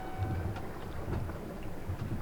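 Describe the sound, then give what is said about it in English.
A steady underwater hydrophone live stream from the Disco Live project in the Arctic, mixed with a second live stream: dense low rumbling and washing noise beneath the ocean surface with scattered crackles and soft thumps, whales calling to each other, and a faint high whistle-like tone briefly at the start, no voices. “One is a hydrophone provided by a project called Disco Live, located in the Arctic.”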